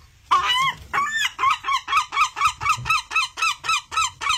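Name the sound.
seagull calling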